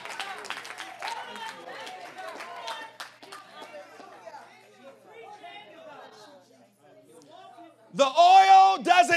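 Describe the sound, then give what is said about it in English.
A church audience thanking God responds with scattered hand claps and excited shouts over a murmur of voices, the clapping thinning out before a loud, sustained cry bursts in at the end. “You better open up your mouth and tell God thank you, not just for what you want him to do, not just because of what he's doing, but can I hear the hand claps and the shouts of those who are thanking him for what he's already done?”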